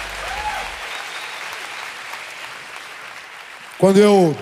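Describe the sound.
A crowd claps steadily in a broad, continuous wash of applause filling the room, with a voice briefly rising over it near the end.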